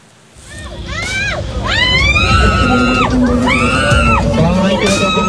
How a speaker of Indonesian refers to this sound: Suara jerit kesakitan seorang wanita penumpang kereta komuter karena tangannya terjepit pintu gerbong jadi viral di media sosial. Peristiwa ini terjadi pada Senin 5 Oktober pukul 7:30 pagi di peron 1 stasiun Juramangu.